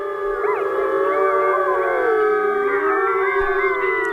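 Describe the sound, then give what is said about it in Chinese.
A wolf pack howls together in a dense, continuous chorus, many overlapping voices rising and falling in pitch at once, loud and sustained throughout with no pauses. The pack is howling to warn off enemies and intruders from its territory. “有人认为这此起彼伏的狼嚎其实是为了造势，让对手无法判断狼群成员的数量。”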